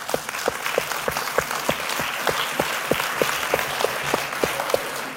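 An audience applauds steadily throughout, a dense wash of many hands clapping with a few sharper, closer claps standing out. No one speaks.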